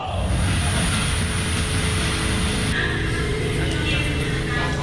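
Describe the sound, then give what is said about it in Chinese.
A train, taken after work from Xizhi to Songshan, runs steadily on its rails, a loud, continuous low rumble and clatter, with a slight shift in its sound partway through and a voice faintly present. “每次下班搭火车到松山，再转捷运到行天宫站前往排练途中”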